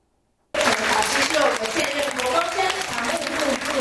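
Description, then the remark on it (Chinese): At a lecture at Fo Guang Shan Pumen Temple in Yilan, an audience breaks into sustained, steady applause after a brief silence, welcoming Venerable Hui Chuan, executive deputy abbot of Fo Guang Shan. The clapping is dense and loud throughout, with faint voices mixed into the crowd noise. “听众热情拍手欢迎佛光山常务副住持慧传法师的到来。”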